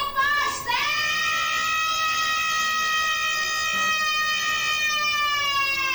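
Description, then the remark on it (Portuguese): A voice imitates a pasteleira's (pastry seller's) street cry: one long, shrill, high-pitched shout that rises briefly at the start, then holds steady and loud for several seconds, almost siren-like. “Esse grito da pasteleira foi treinado pra caramba, né?”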